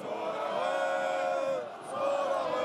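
A large stadium crowd at an FC Midtjylland football match against AGF, with about a quarter of an hour left, lets out a long collective groan, with voices sliding downward together, briefly easing before swelling again; there is little shouting and no clapping.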